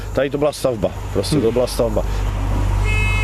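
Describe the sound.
A man talks over a low, steady engine rumble, then a steamboat's horn, the captain's departure signal, starts a steady, reedy blast right at the end, cut off after about half a second.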